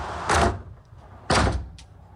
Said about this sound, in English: I was just hoping that he was going to stop, but instead, he kicked the hotel room door completely off the hinges.